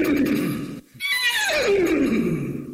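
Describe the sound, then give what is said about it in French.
A person imitates a horse whinny: a rough voiced snort, a brief pause, then a loud, shrill neigh that quavers and slides downward in pitch, with no other talking. “Mais je vais vous faire le cheval, si vous voulez.”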